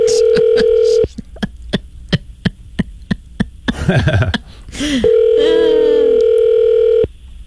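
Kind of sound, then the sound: signal or alarm, outgoing phone call ringing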